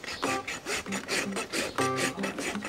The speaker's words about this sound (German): Jetzt noch mal insgesamt stark überraspeln und eine gute Zehenrichtung geben, dass er schön abrollen kann.